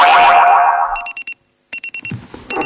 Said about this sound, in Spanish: El despertador.